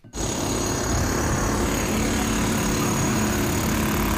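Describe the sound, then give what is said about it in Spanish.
Loud, continuous roar of heavy street construction machinery with a rapid hammering drill on city streets in Vitoria-Gasteiz, steady throughout, no voices. “Los vecinos denuncian que maquinaria, golpes, taladros y trabajos de demolición durante la noche y la madrugada pues representa, nos supone para ellos un verdadero horror.”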